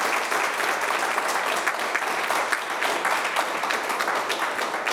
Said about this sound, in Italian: Allora, intanto le facciamo un applauso.